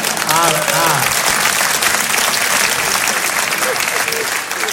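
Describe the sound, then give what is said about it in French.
A studio audience claps loudly and steadily for several seconds, a dense wash of hand claps with a few voices laughing and calling out underneath at the start. “Oui, là, hier, ils n'avaient pas applaudi, hein, on voit la différence.”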